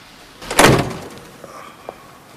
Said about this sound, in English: She opens the passenger door and gets out.